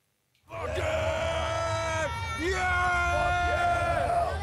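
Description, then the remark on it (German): A crowd of heavy metal fans yelling and screaming together on the opening day of the Wacken Open Air festival, a sustained wall of loud, overlapping shouts with rising and falling cries, continuous, no clear speech. “Und diese Freude, die pusten sie dann raus in Form von Geschrei am Eröffnungstag.”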